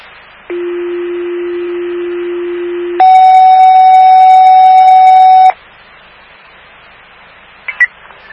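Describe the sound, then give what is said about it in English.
A loud radio dispatch alert tone for an EMS mutual aid call to the Town of Hamden: a steady low pitch held for about two and a half seconds, then jumping to a higher, brighter pitch held just as long, followed by quiet static and a couple of clicks. “stand by for the tone.”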